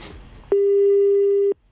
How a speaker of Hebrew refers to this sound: לא תסמסי ולא תעני. טוב, ניתן לה עוד הזדמנות. צלצול אחרון